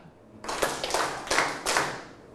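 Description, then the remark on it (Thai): A group of people clap together in unison, clapping the number of a tiger's legs: about four loud, evenly spaced claps with a slightly ragged smear as the hands don't land exactly at once. “เดี๋ยวจะให้ปรบมือตามขาของสัตว์เสือ”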